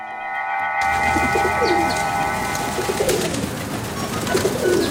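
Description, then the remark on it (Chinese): A large flock of pigeons passes overhead in the sky over Beijing, a steady layered whistling drone swelling in after a brief quiet start, with fluttering and faint coos beneath, continuous and fairly loud throughout. “哼，听到了听到了，不用看，光听声音呢，就知道这是一大群鸽子。”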